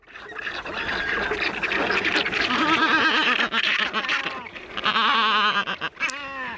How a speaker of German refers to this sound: Was genau ist es? Da lacht nicht jemand, das ist ein Vogel, so viel sage ich euch.